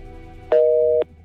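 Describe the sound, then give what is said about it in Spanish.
A single steady telephone busy tone sounds after a call dropped, lasting about half a second, two pure pitches held together, rising clearly over a faint low hum before cutting off abruptly. “Sí, se nos cortó, ¿eh?”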